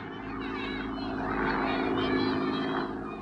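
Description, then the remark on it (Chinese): A Japanese propeller airplane drones overhead, a steady, rumbling engine roar with a throbbing hum that swells slightly midway and then begins to ease off as it flies away. “大家愤怒地瞧着日本人的飞机飞远了”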